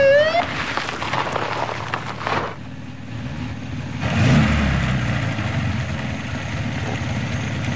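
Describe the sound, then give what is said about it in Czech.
A black-green Mercedes 220 car drives up in the heat, its engine rumbling low and steady, with a brief rising whine at the start, then easing off and settling into a smooth idle as it comes to a stop. “černozelený Mercedes, bílé horko, zelený porost, Mercedes 220. Dojíždí a zastaví.”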